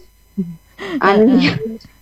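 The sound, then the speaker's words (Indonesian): An angry cat that has been put in a water tank meows: a short, low cry followed by a long, loud, wavering yowl that rises and falls before trailing off. “Kasihan kucing saya. Saya taruh di tendon situ.”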